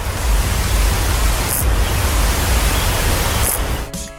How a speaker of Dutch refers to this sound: Of wat dacht je van een bruine sprinkhaan?